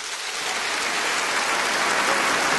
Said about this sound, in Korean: 그리고 전국 13개 지사 운영위원님들께서 참석해 주셨는데요. 여러분 감사의 박수를 부탁드립니다.